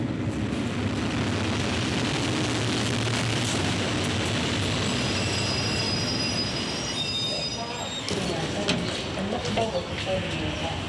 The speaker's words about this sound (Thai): รถไฟขบวนที่เราจะขึ้นจะมาถึงแล้วนะคะอันนี้เป็นขบวนที่2นะจากหัวตะเข้ที่จะเข้าไปที่กรุงเทพค่ะ